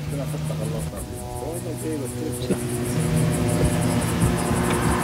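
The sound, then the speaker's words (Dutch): A steady, droning buzz of a drone hovering overhead in the sky over South Lebanon, a few hundred metres from the Israeli army, holds throughout at moderate loudness, its tone wavering slightly, while a voice speaks briefly beneath it. “De drone in de lucht.”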